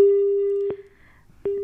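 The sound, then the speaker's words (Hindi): A telephone busy tone after a caller's phone-in call from Meerut dropped: a steady electronic beep sounding, pausing briefly, then starting again, loud with a faint hiss underneath. “आपका पूरी बात हम तक पहुंच नहीं पाई है, और अगर आप दोबारा हमें कॉल करना चाहें तो प्लीज़ ज़रूर करें।”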